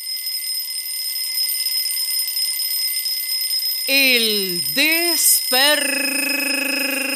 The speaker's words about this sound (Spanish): despertador.